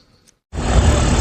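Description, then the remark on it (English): A faint, thin high-pitched whistle gives way after a short gap to a loud, steady mechanical roar and hum of a massive data center complex in South Haven, Mississippi, that holds without letup. No one speaks. “You can hear it long before you see it. A high-pitched whistle and a hum that doesn't stop.”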